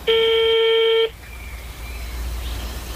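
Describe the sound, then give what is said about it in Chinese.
A single steady telephone ringback tone as an urgent phone call is placed sounds for about a second, clear and fairly loud, then cuts off, leaving faint low hum and background noise with no talking. “又在打一个紧急电话。”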